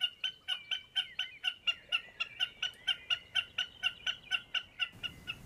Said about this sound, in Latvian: Nu, citkārt viņu arī mēs mēdzam saukt par pērkoņu kazu. Bet mērkaziņai ir arī īstā balss.